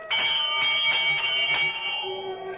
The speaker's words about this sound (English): I'm standing in front of the great door of Carrig Cleaner, and I know that everything's going to come clear at long last. I reach out and pull the bell.